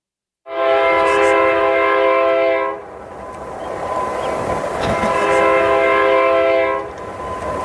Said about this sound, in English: A train whistle blows as it passes along Highway 60 in Marionville, Missouri.